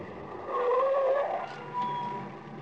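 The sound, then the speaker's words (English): A green car drives along a lonely stretch of road, its engine a steady hum with a whining tone that rises and dips, with no voices over it. “We were on a lonely stretch of road, and although the car was green, not black, and didn't look anything like a hearse,”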